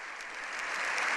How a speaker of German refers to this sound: Unter denen, die jetzt Beifall klatschen, ist der Regierungschef Pedro Sanchez. Auf der Besuchertribüne habe ich die früheren Ministerpräsidenten Aznar und Rajoy, beide von der konservativen Volkspartei, gesehen. Beifall gibt es auch